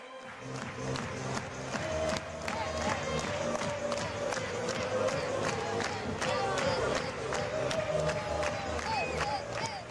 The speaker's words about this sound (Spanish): Todos a la espera, todos mirando, todos concentrados en Álvaro Morata, mientras también se animan con esas palmas los aficionados, el juego de humo, esperando a Álvaro Morata. Escuchamos a On Time Butarque.